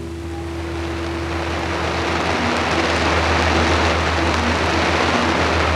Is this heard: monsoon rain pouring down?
yes